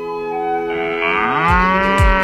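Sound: cow mooing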